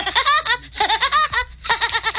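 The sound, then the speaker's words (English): A voice imitates Woody Woodpecker's laugh, played as a guess-the-show sound: loud, high-pitched, rapid staccato cackles delivered in three quick bursts with brief pauses between them. “impression of Woody Woodpecker.”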